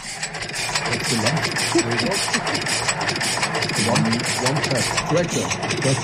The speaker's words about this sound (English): Oh, it's a tractor sound. Yeah, it's a tractor sound from 1938, just with one cylinder, you know. Yeah. Okay, so it's a 1938 tractor. It wasn't recorded in 1938.